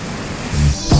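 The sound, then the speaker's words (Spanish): A steady wash of heavy rain with gusting wind in Chiguayante, trees swaying, a dense hiss that swells in low rumbling bursts toward the end, fairly loud, with no voices. “No sé si el video es de ahora, pero mucha lluvia en Chiguayante.”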